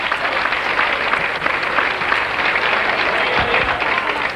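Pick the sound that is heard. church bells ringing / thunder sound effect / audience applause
audience applause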